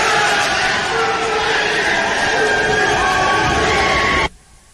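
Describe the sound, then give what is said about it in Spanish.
A large group of senators, including Rafael Nieto of the Centro Democrático and Aida Bella, cheers, shouts and applauds in celebration in favor of doctor Enríquez, a loud, dense, continuous roar of voices and clapping that stops abruptly near the end. “el momento en el que uno ve a gente como Rafael Nieto, senador del Centro Democrático, con la senadora petrista Aida Bella, encantados, aplaudiendo y gritando a favor del doctor Enríquez.”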